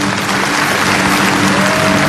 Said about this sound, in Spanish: Dale un aplauso fuerte.